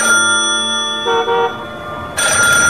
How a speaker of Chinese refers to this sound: 地下室里电话骤然响了起来，正在监听的老虎被吓得哆嗦一下。